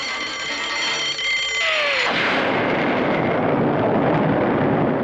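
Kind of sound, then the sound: sound effect, bomb explosion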